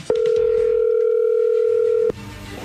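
A steady, mid-pitched telephone dial tone as a prank call is placed hums loudly and unbroken for about two seconds, then cuts off abruptly, leaving faint background noise; no separate dialing beeps stand out.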